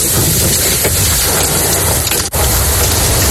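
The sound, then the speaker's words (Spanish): Hail falls in Macael, in the north of Almería province, on a Thursday, in a dense, steady, loud clatter of countless impacts, forming a constant hiss-like roar with a brief break near the end. No voices are heard. “Sonaba así el granizo en Macael.”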